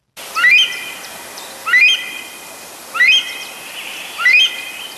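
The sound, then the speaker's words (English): A rare Himalayan monal pheasant, Nepal's national bird, gives four loud, rising whistled calls at a steady pace, about one every second, each clear and ringing over a soft background hiss. “And new research suggests that Nepal's national bird, the rare Himalayan monal, is changing its call to cope with a sharp increase in human activity.”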